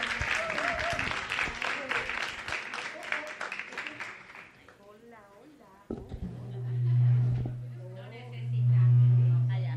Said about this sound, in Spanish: A Lili, un aplauso.